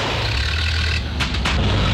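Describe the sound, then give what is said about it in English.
A car engine grinds and sputters, a rough low rumble with a few harsh bursts of noise breaking through partway, no voices. The car is about 12 weeks overdue for an oil change. “Now his car sounds like a coffee grinder on strike.”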